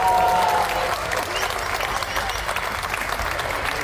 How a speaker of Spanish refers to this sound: Aplausos del oficialismo, aplausos desde Unidad y aplausos desde la bancada de Libre. Fue censurado el ministro José Gabriel Espinosa, quien a esta hora de la tarde brinda conferencia de prensa.